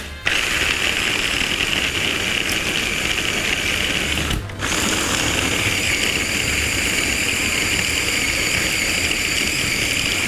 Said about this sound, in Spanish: Lo estamos triturando por partes porque nuestro procesador es pequeño, pero ahorita vamos a ir uniendo todo. Entonces, vamos a procesar esta segunda parte.